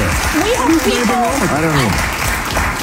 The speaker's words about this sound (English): The audience was actually clapping at the time for of what the congressman was bringing up, but it went on.